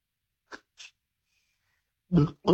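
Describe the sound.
A voice imitates a drink can being opened: two short breathy hissing pops, a faint thin whistle, then two louder, throaty bursts like gulps.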